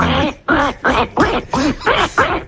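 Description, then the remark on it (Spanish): A person imitates a duck with a rapid series of about seven nasal, raspy quacks in a steady rhythm, fairly loud, with no other sounds. “Bueno, pues el hacemos el pato.”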